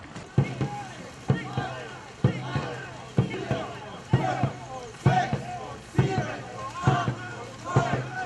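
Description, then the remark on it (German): Two rowing boats start a race, pulling hard with a steady rhythm of oar strokes landing about once a second, fairly loud, while voices call out continuously over the splashing. “Aber irgendwann sind dann doch beide Boote in Position. Alle Boote stopp! Achtung, ich starte!”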